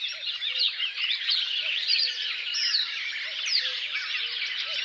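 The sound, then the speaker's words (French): A marsh warbler pours out a busy, continuous stream of chattering, scratchy song, while a cuckoo's soft two-note calls repeat faintly in the background. No one speaks. “Coucou et Rousserolle vers de Rolle.”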